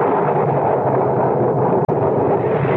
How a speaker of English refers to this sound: And now, suddenly as it erupted, the storm subsides.